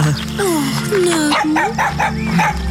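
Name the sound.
small dog barking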